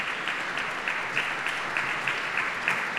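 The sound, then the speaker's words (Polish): An audience claps steadily as the Polish chamber choir Schola Cantorum Gdanensis appears on the concert stage, a dense, even patter of many hands that holds at a constant moderate level throughout, with no voices breaking through. “Na estradzie pojawia się polski chór kameralny Schola Cantorum Gdanensis, oklaskiwany przez publiczność.”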